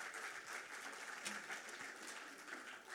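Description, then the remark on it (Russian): A steady wash of audience applause for performers at a music festival, many hands clapping densely and continuously at moderate loudness throughout, with no individual claps standing out and no talking over it. “Ваши аплодисменты, дорогие друзья.”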